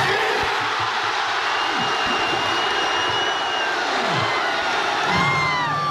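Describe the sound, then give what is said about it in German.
A large crowd of football fans at a public viewing at the Fanfest in the Hafengarten roars and cheers continuously shortly after kick-off of Germany vs Ecuador, as Sané scores 1-0 for Germany in the second minute, a dense, loud wash of shouting voices with occasional high whistles and shrill cries cutting through. “Ja, und dann kurz nach Anpfiff beim Spiel Deutschland gegen Ecuador, sind wir alle vor Ort ausgerastet.”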